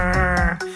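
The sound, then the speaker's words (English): A rockfish gives a loud croaking grunt, a single drawn-out buzzy call that breaks into a short second pulse at the end, with no other sounds around it. “It sounds like this croaking, grunting.”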